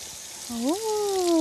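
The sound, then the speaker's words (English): Water runs from an outdoor tap in a vegetable garden, set up for children to wash vegetables, in a steady hiss, while a voice briefly rises and falls in a drawn-out wordless sound over the flow. “Come over here and you can turn the tap on.”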